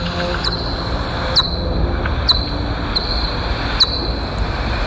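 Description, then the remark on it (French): Pipistrelle bat calls slowed by a time-expansion detector: five high, downward-sweeping chirps spaced roughly a second apart, each ending in a brief tone, over a steady hiss and low rumble. “Donc là, petit pipistrelle qui chasse.”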